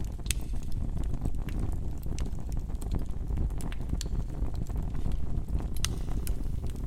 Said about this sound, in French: Je me suis installé près du feu de cheminée. On entend le bruit de la flamme. On entend particulièrement la manière dont la flamme consomme l'oxygène. En fait, j'ai fait un feu inversé. Le petit bois est en haut et le gros bois est en bas.